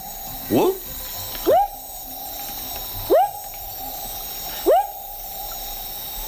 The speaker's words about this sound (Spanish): Es un anfibio. Es un anfibio. Buah, pues el... Pero... Sí, sí. Pero no te voy a saber decir qué especie es, pero claro, es un tipo de rana, ¿no? Es un tipo de rana, sí, efectivamente.